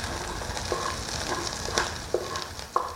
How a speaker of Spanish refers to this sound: Freímos el poro y la cebolla.